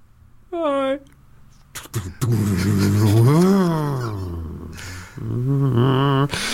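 A person vocally imitates a car engine, with a short rev, then a long rising and falling engine roar as if pulling away, ending with another revving burst. Fairly loud.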